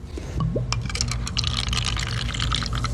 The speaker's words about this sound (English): First, samples from our soda, the one from the 1979 newspaper, are poured into little cups.